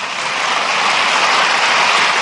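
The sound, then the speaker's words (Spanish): A crowd applauds loudly and steadily, a dense wash of many hands clapping at once that holds strong for the whole two seconds without fading. “Y le dieron a Jesús un aplauso enorme.”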